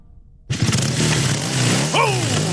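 A motorcycle engine, just repaired by the crew at Mackay Motorcycles, bursts to life and runs with a loud, throaty rumble, then gives a quick rising rev before settling back. No one speaks.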